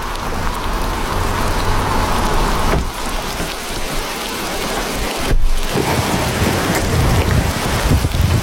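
Heavy rain pours down in a dense, steady roar, a loud cloudburst drumming on surfaces with a brief low rumble partway through, as a rain shower turns into a cloudburst while a car drives onto prison grounds.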